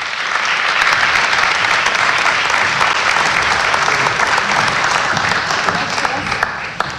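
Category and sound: crowd, audience applause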